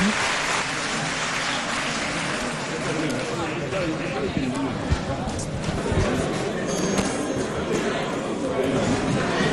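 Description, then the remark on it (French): Sustained applause in parliament as minister Bamba Cissé is about to take the floor for the first time, a dense, steady clatter of many hands clapping at an even loudness for the whole stretch, with indistinct voices mixed into the noise. “Bien applaudi.”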